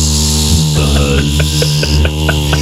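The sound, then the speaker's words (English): A voice imitates the lower-pitched buzz of a Russian mosquito, holding a steady, droning hum for over two seconds with faint clicks scattered through it. “These will make a high-pitched noise like the ours, do they? The Russian ones? Oh, I think they those ones. Lower. Yeah, exactly. Buzz.”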